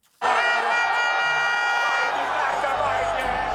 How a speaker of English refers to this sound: Champions at home after defeat in Europe. Tens of thousands of Arsenal fans cheer their team for winning its first Premier League title in 22 years.